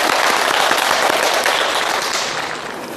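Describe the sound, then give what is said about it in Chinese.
Loud, dense applause from an audience welcoming a teacher who will give a demonstration poetry recitation, a steady wash of many hands clapping at once that holds strong before gradually tapering off toward the end. “我们掌声欢迎。”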